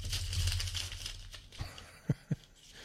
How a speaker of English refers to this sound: We got about 40 minutes left, and I have a lot more stuff. I'm turning the page if you can hear the crinkling.